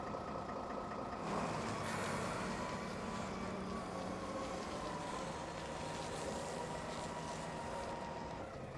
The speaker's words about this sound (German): Denn er ist der Einzige, der hier den Containerstapler fahren kann.